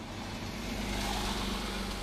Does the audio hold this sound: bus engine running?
yes